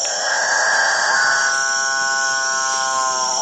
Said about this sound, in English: apparently irresistible noise attracts the female capuchin birds, which jostle each other ruthlessly in the quest to get close to the studliest of the displaying males. That alpha male, with the best singing technique, will be the only one to mate.